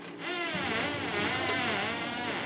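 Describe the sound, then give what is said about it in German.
Harbour porpoise echolocation clicks recorded by researchers in Kerteminde with a hydrophone, coming so fast they merge into a steady, buzzy drone whose pitch wavers up and down, with no voices. “Das sind die Echoortungsklicks. They come so fast that it sounds like a sequence.”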